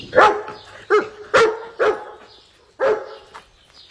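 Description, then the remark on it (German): A young dachshund barks five times outside at a farm's barn door, in quick, uneven succession, each bark sharp and fairly loud with short pauses between, and no one speaking. “Da bellte es plötzlich draußen.”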